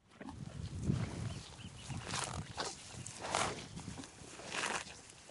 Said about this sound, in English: The cows. At any given time, there's several thousand of them roaming the pastures across Point Reyes. They're here to supply the 24 beef and dairy ranches that operate in the national park.